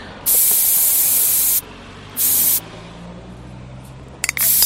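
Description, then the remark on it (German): A spray can hisses out paint over a stencil in two bursts, a long steady spray followed by a short one, then a few quick clicks at the end over a low background rumble. “Ein Stencil ist halt sowas, da nimmt man eine Schablone und sprüht halt einfach drüber.”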